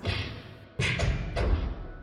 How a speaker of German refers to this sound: Hinter einer der Türen erklangen eigenartige Geräusche. Es klang fast wie Faustschläge.